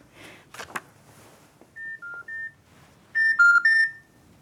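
A telephone handset is picked up with a brief clatter, followed by a quick series of keypad dialing beeps, a few soft tones and then a louder burst of three, with no talking.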